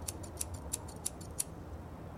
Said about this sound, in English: Take a newspaper. Take a pair of scissors.